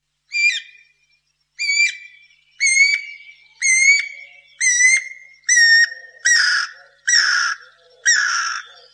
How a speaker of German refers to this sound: Das Thema heute ist ein Vogel, den wir alle kennen, gerade hier aus unseren Städten. Es ist die Piririta oder Hechtosch, wie wir es hier im Plattdeutsch sagen, oder wie wir hier im Deutschen sagen, Guirakuckuck.